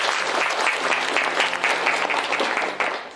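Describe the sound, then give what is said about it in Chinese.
A group in a classroom claps together in steady, dense applause for about three seconds, welcoming two construction workers joining the lesson; many hands overlap into a bright, even patter that tapers slightly at the end. “其实啊，在我们今天的课堂上呢，还有两位工友师傅共同来参与交流学习，大家掌声欢迎一下吧。”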